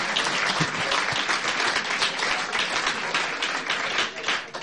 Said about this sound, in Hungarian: Hogy egy tapsot megérdemel?